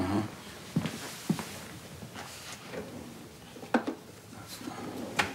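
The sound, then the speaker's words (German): The third drawer is pulled open, followed by a few scattered knocks and clacks of things being shifted around inside as someone searches for a sticking plaster, with soft rustling between the sharper hits and no one talking. “Ich suche nur ein Pflaster. Dritte Schublade.”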